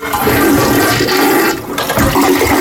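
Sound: toilet flushing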